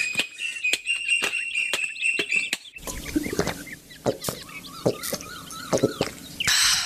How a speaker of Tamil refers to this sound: அங்கே பாரு, தென்னை மரத்தில் எவ்வளவு குயில்கள். ஆஹா, பார்க்கறதுக்கே கண்கொள்ளா காட்சியாக இருக்கு.